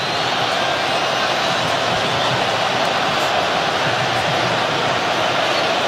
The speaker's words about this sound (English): I wonder if they heard the cheer back in LA in the studio, because it was deafening.